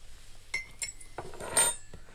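Sharp metallic clinks of cutlery against plates during a meal, several irregular taps and a brief cluster of scraping and chinking, fairly quiet overall with no one speaking.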